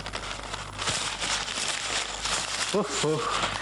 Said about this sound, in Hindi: कागज की परत पर परत निकलती आ रही है। देखो ना, तस्वीर का कहीं नामोनिशान नहीं। जी, आपको बेवकूफ बनाया है उसने। इसमें तस्वीर असीर कुछ नहीं, पैकेट में कागज ही कागज भर दिए हैं। ये आठवीं परत हो गई,